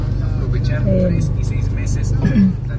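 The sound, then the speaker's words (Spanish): Steady road traffic rumbles at Calzada and Plan de Ayala, a little traffic moving slowly at a red light, with a low engine drone and a couple of brief rising engine whines, while indistinct voices murmur underneath. “Hay un poquito de tráfico, calzada y plan de Ayala.”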